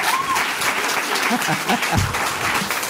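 A crowd claps steadily in dense, continuous applause, fairly loud, with a few faint voices mixed in beneath the clapping.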